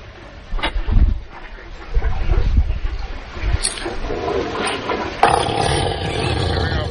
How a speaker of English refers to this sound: A little body of water, and when that elephant starts to fart, his tail raises up. like the gas is blowing the tail up in the air.